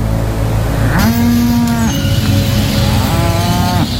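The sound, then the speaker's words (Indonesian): A cow moos twice, a long low sustained call followed by a second, slightly shorter moo, loud, over a steady background hum of engine-like noise. “Biar sapi Mas ada temennya.”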